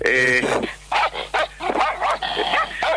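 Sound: doberman dogs barking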